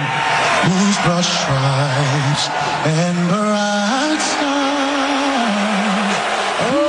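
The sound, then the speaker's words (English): A large crowd at Madison Square Garden in Midtown Manhattan boos loudly and without pause as President Donald Trump attends an NBA Finals game, long low drawn-out 'boo' tones rising and falling over a constant roar of crowd noise for about seven seconds. “That booing was the welcome for the first sitting U.S. president to attend an NBA Finals game.”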